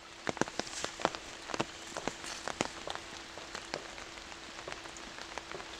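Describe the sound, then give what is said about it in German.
Steady rain falls in a forest on a rainy day, a soft wash of hiss with scattered drops pattering and tapping irregularly on surfaces, fairly quiet and with no voices. “Er schätzt die Stille an einem Regentag im Wald.”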